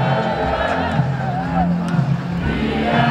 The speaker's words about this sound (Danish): Et sydende, boblende menneskehav skyllet i nat gennem det indre København efter 2-0-sejren over Tyskland i EM.